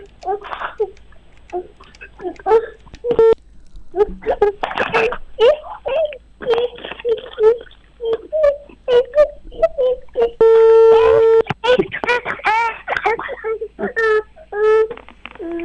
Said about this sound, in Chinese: 来，大娘，我们继续试着打这个电话啊。